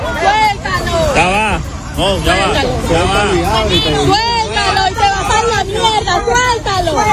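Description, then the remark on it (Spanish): A crowd of agitated voices in Venezuela shouts "¡Suéltalo!" ("Let it go!") over one another at a police officer who has just secretly taken a box of money out of a collapsed building. The yelling is a loud, continuous hubbub of raised, overlapping voices with steady background noise throughout. “¡Suéltalo! Es lo que le está gritando un grupo de personas a un policía que acaba de sacar a escondidas una caja con dinero de un edificio derrumbado.”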